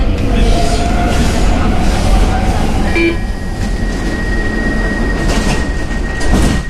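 A Stockholm metro train on the blue line, heading toward the Rinkeby suburb, rumbles along steadily with a loud, dense low-frequency roar, a brief tonal squeal of wheels or brakes rising partway through, and a faint hum lingering afterward.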